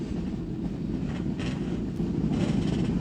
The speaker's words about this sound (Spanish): Ahí están los motores en marcha.